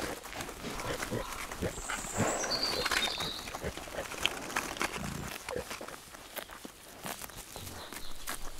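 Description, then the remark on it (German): Pigs back from the high plateau in the Castagniccia chestnut area grunt and snuffle among busy rustling and crunching steps as they eat fallen chestnuts, with short low grunts scattered through and a few thin high chirps above, at a fairly steady moderate level. “Die Schweine sind vom Hochplateau zurück.”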